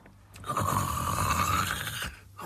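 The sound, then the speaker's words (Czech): A single long, loud snore heard from under a cottage window, from a sleeper who has eaten his fill of beechnuts, with a rasping, buzzy drone that holds steady for nearly two seconds, followed by a brief breathy catch at the end. No one speaks. “Řeže pilou.”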